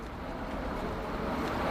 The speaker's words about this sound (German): Ah ja, guck mal, und hier kommt jetzt gerade die Straßenbahn. Wir können auch mal die aufnehmen. So, das ist der Klang von der Straßenbahn. Den haben wir jetzt eingefangen.